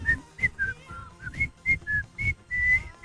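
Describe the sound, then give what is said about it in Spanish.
A person whistles the bouncy melody of an old TV advertisement jingle, about ten short pitched notes in a quick, tuneful rhythm, with a longer held note near the end. “Y era silbando, ¿no?”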